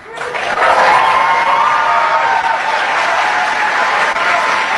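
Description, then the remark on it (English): A large crowd applauds and cheers steadily after AOC's call to abolish ICE, a dense wash of clapping with shouts mixed in, swelling quickly at the start and holding loud for the whole stretch. “Normally, I would be a little surprised at a whole bunch of people applauding something like this without any real detractors in the audience.”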